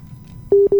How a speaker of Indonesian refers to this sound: telepon nih di Krian Sidoarjo, coba saya terima telepon dulu deh.